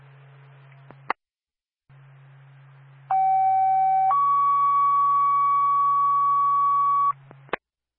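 A two-tone dispatch page over a radio channel for the Twin Mountain Fire Department, sent for a fire alarm activation at 101 AMC Road in Carroll: a one-second lower tone jumps to a higher steady tone held for about three seconds, framed by static hiss and sharp squelch clicks.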